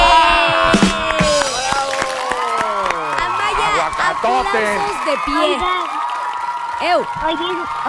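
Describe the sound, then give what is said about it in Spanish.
A lively crowd gives a standing ovation, cheering and whooping with overlapping excited voices while scattered claps crackle underneath, staying loud and energetic throughout the short burst. “Aplausos de pie.”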